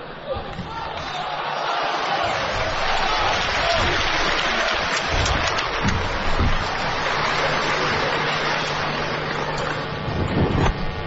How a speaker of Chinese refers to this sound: 谢谢观众的掌声鼓励， 谢谢朋友。